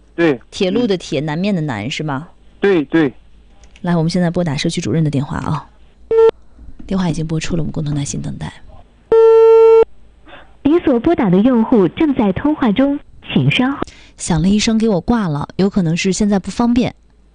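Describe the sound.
A man talks steadily, pausing for a short electronic telephone tone as a call is placed to the director of Fuyuan Community, then a longer, steady beeping line tone like a busy signal, both clear, before the talking resumes.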